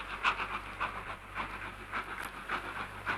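A train rolls along the rails with a steady low rumble and a rhythmic, repeating clack roughly every half second, moderately loud, with no one talking.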